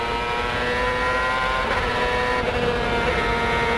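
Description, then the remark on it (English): A race car engine roars steadily at high revs coming off the last corner of the racetrack, its loud buzzing drone holding a sustained pitch with slight rises as the car accelerates, no voices over it. “Coming off the last corner, let's listen to the engine now.”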